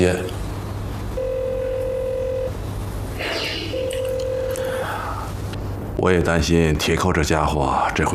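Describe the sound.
A phone ringback tone sounds twice, each a steady mid-pitched beep about a second long with a pause between. The call, to a regiment commander in the armed police corps, goes unanswered before a man starts talking over background hum.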